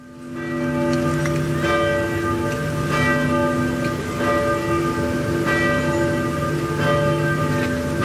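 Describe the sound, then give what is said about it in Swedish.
Church bells in Norway peal loudly and continuously to honour the late King Harald, several strikes overlapping into a rich, sustained ringing that swells with each new stroke, with no voices present. “Ja, kyrkklockorna har ringt på flera håll i Norge för att hedra den avlidne kung Harald som blev 89 år.”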